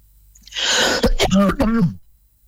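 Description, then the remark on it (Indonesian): A raspy burst of breathy coughing from a speaker who still has a cough, followed by two or three voiced, gravelly throat-clearing hacks, loud and isolated, with no one talking. “Nah, mohon maaf ya, para pendengar masih batuk.”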